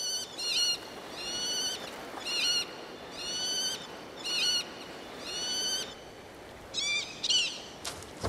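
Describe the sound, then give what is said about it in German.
An Eleonora's falcon, a slender bird about 40 cm long, gives loud, harsh, far-carrying, high-pitched calls during the breeding season, in quick clustered bursts repeating about once a second over a faint, steady background hiss, with no voices present. “Während der Brutsaison kommunizieren die Vögel über weit hörbare Rufe.”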